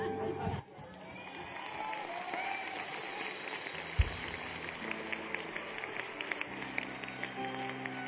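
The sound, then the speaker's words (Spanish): A church audience applauds the Lord steadily for several seconds, a dense wash of clapping with scattered sharper claps. Voices and a low sustained tone sound beneath it toward the end. “Denle un mejor aplauso al Señor.”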